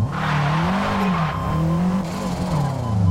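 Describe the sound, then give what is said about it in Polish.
An all-wheel-drive car's engine roars at full throttle, the accelerator floored in first gear, while the tires spin and squeal against the pavement. The loud, wavering revving holds steady for about three seconds, with no talking. “Było słychać, że zanim ten samochód zaczął jechać, to wpadł w taki dosyć mocny pościg, zwłaszcza, że to jest samochód z napędem na 4 koła, więc on nam...”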